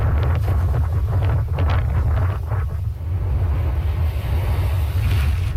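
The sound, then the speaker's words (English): Loud, continuous roar of high wind buffeting the microphone over heavy surf as large waves crash into the coastline during Tropical Storm Bertha's landfall over Louisiana, just east of New Orleans, with bursts of crashing waves rising and falling in the first half and a steady low rumble throughout. “Large waves whipped by high winds crash into the coastline as Tropical Storm Bertha made landfall over Louisiana last evening, just east of New Orleans.”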